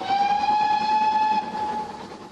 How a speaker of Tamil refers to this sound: இல்லை, மற்றது ஒன்றும் கேட்கவில்லை. வண்டியின் ஊதல் எல்லா சத்தத்தையும் அடக்கி விடுகிறது.